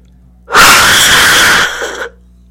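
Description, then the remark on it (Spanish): A single loud, harsh jaguar roar lasting about a second, raspy and breathy across a wide range, trailing off into a quieter rasping growl before silence. No one speaks. “Ahí está el rugido del jaguar que yo devuelvo a la cruz.”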